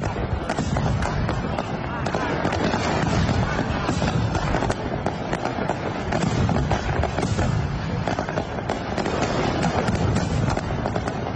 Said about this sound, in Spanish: Oye, muy contentos los vecinos con estos fuegos artificiales que también hemos compartido en redes sociales, más allá de también la despedida de las fiestas de San Roque que comentabas antes. La traca final se escuchó en toda la ciudad, ¿eh?